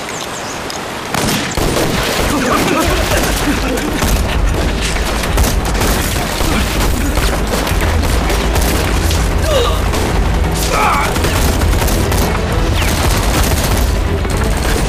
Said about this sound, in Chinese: 去，让机枪手开两枪。